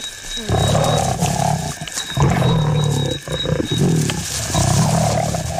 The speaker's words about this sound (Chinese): 猎物个头不大，雄狮霸占着猎物，拒绝与其他狮子分享。一只雌狮冒险争食，它可能会遭到雄狮的攻击。